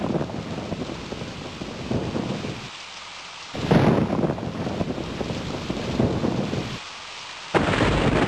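Steady heavy rain pours down while low rolls of thunder rumble through, swelling in bursts with two brief lulls where the downpour drops back before surging again.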